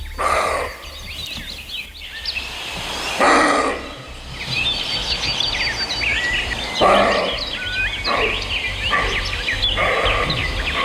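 A roe deer buck, a typical sound of Slovenia, gives a series of harsh, hoarse barks, about five, spaced a few seconds apart, while birds chirp and sing steadily in the background outdoors.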